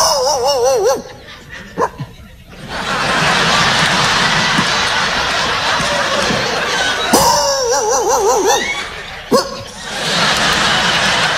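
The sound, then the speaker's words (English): A man imitates dogs barking at night with sharp, wavering yelps and bow-wows in short bursts, while loud audience laughter and applause swell underneath and between the barks. “Y'all keep laughing, I'll keep barking.”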